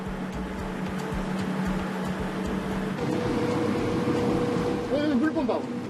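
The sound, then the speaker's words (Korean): A motorboat engine drones steadily as the boat runs along a sea route facing North Korean land, a low rhythmic chugging that shifts pitch about halfway through, with a brief rising whine near the end and no talking. “북녘 땅을 마주한 채 바닷길을 달려 특별한 손님을 만나러 갑니다.”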